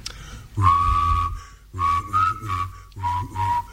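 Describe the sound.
A man's voice imitates a Czech sheep that has just been caught in the High Tatras, with three drawn-out, quavering bleats, the first long and steady, the next two broken into wavering pulses, loud and with no other talking.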